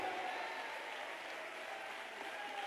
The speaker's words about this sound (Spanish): Dale ese aplauso de victoria al Señor.